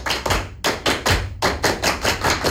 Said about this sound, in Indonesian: Dua kali tepuk pramuka.